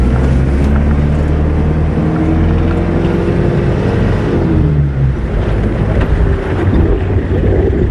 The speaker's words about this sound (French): Il y a du vent. Hein. Nous sommes sur le passage devant. Donc là, nous sommes sur le grand ensemble de l'Arc du Djourab. Et là devant nous, c'est une mer de sable.